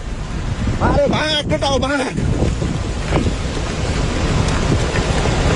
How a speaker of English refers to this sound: Sky News has shared video showing just how quickly the water rushed in from surrounding mountain slopes, with workers running in terror.